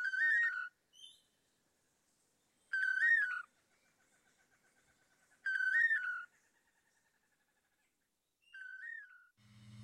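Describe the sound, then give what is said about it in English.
Two long-tailed manakins sing their repeated whistled 'toledo' phrase as a duo to woo females, in clear bursts about every three seconds, with softer rapid chattering notes trailing between phrases, fairly loud with no talking. “Researchers have estimated that the dynamic duo may perform their Toledo song up to 5,000 times in one day.”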